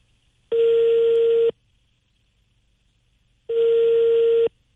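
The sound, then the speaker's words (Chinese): Two long, steady ringback tones from a phone line as a call is dialed again and connects, each lasting about a second with a long silent gap between, clear and fairly loud with no talking. “我们再拨打一下，咱们及时打也得及时退呀，看看今天这工作人员有没有联系到会计，有没有上班，我们试试。”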